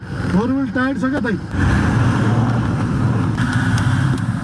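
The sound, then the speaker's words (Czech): An off-road Toyota rumbles steadily over a narrow, unpaved, rough and bumpy mountain road of sharp stones, less than 4 metres wide, on the way to Nuvakot district. Its engine and rattling noise are loud, after a brief voice at the start. “Tohle je teprve začátek a jistota, že sklon ani povrch nemůže naše Toyota zvládnout, mě rychle přešly.”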